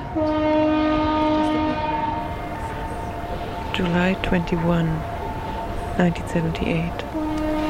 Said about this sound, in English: I'm at Brockton Point. That's the Brockton Point foghorn.